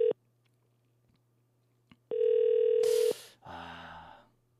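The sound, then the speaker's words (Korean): A telephone ringback tone as the Far East Broadcasting Company station calls a listener: a brief beep, a pause, then a steady buzzy tone lasting about a second, followed by harsh static and a garbled, line-quality burst. “전화 꼭 좀 받아주셨으면 좋겠어요.”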